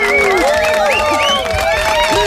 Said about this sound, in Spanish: Un fuerte aplauso para él, por favor, un fuerte aplauso.